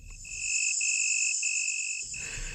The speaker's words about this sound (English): Nowadays, insects like crickets transform the night into a symphony of sound.